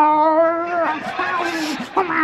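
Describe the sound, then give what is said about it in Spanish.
A person imitates an angry, rabid cat under a bed: a drawn-out, strained yowl, then raspy hissing and spitting noises with a short snarl near the end, loud. “Dice, no, debajo de la cama no, que hay el gato que la mordió el perro y también está rabioso. Y se oye debajo de la cama.”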